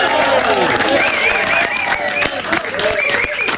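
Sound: audience applause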